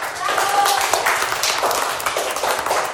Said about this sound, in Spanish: Tenemos por también otra fecha importante, que es el Día de las Madres, que va a ser el día domingo. Un aplauso para todas las madrecitas.